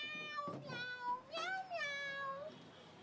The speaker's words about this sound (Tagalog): Meow. Ote, kita mo, eh. Gasabat ang kuring, no? Pero nga, ano, tingog sa tao ito nga kuring nga, nga nag-meow-meow?